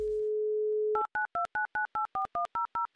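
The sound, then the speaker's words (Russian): A steady telephone dial tone hums for about a second, then a quick, evenly spaced run of about eleven dual-pitched keypad beeps as a number in Elektrostal is dialed for a live game on the Humor FM radio station, with no voices. “Номер набран. Звоним в Электросталь Кристине, которая, надеюсь, слушает Юмор-ФМ и повторит автомобильную шутку.”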